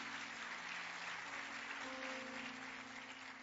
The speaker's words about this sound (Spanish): Entonces, gloria a Dios, ese aplauso es para el Señor.